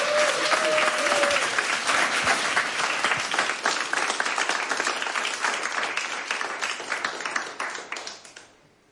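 An audience gives sustained applause for a live band on the stage of Radio 1's Studio 1. Many hands clap at full volume in a dense, steady crackle that thins slightly and then cuts off at the end.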